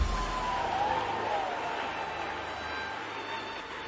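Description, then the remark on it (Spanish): A crowd gives victory applause in a dense, steady wash of clapping that holds at an even level for about four seconds, with a faint high whistle-like tone early on. “Las cabezas, aplausos de victoria.”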